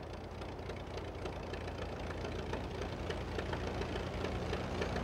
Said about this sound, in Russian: Контакт! Когда Гарри запустил двигатель, я обомлела.